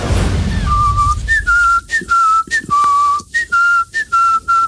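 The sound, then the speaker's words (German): A man whistles a catchy earworm song over and over, clearly, a string of short bright notes with little upward slides, phrased in quick bursts separated by brief pauses, with no talking. “Es fing damit an, dass er einen Ohrwurm hatte und diesen Song immer und immer wieder gepfiffen hat.”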